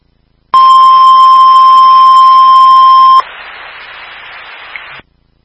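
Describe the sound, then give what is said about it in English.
A Southwick Fire dispatch second alert tone for a possible structure fire at White Street and Grandview Street: a loud, steady, pitched beep held for almost three seconds, then a quieter, hissier second tone for about two seconds, with no talking. “Stand Southwick Fire, second tone.”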